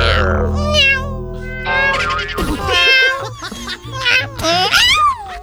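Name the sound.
cat meowing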